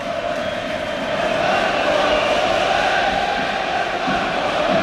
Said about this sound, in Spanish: Y vamos a ver más cánticos.